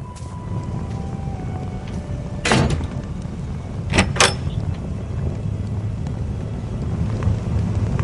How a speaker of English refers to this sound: Oh, that's, I just came back in the door.